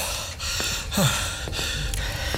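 Soft breathing of someone in a study under steady background hiss, with a sharper gasp-like intake of breath near the middle. The breaths are fairly quiet, and nobody speaks.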